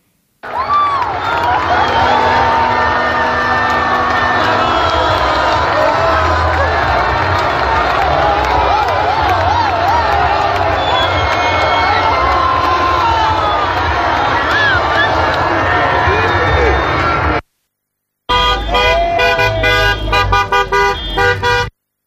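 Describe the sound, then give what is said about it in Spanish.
Thousands of people in Ávila, Spain, celebrate at night after the Spanish national team won the World Cup final against Argentina: a large crowd roars and cheers continuously, with shouting voices, whistles and repeated car horn blasts; after a brief cut, a second burst of honking horns and cheering follows. “miles de personas festejaron el triunfo de la selección española en el Mundial”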